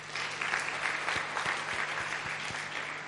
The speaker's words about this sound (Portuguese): De uma salva de palmas.